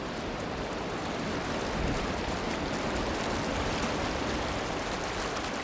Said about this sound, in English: White water here sings.